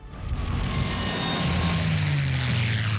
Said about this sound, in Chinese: 1939年8月的大轰炸，日军36架飞机空袭自贡，炸毁盐井18口，死亡平民200余人，直接损失盐产量超50000吨。